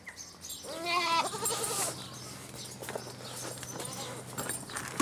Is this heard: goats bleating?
yes